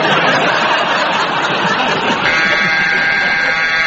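A loud, sustained electronic buzzer drones steadily for several seconds, marking the end of a round in a programme. Its harsh tone fills the space while faint laughter and audience murmur carry underneath.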